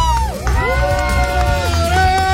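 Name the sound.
audience applause and cheering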